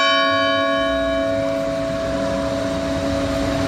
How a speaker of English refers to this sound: We need the bells. We need a special bell and to have the tolling bell right now.